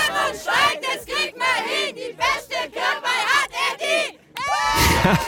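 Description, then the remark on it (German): A crowd of villagers at a Kirchweih fair beside the Wörnitz river shouts a rhythmic battle cry they made up for the Kirchweih Challenge, loud chanted bursts in unison with short pauses between them, ending in a sustained roar of cheering. “Und die haben sich dort sogar einen Schlachtruf überlegt für die Kirchweih-Challenge.”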